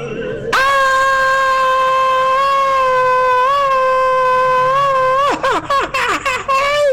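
A traditional Mexican grito from a listener calling in to Radio Globo: one loud, high, wavering yell held for about five seconds, then breaking into a quick run of yipping, laugh-like bursts, with no other voices.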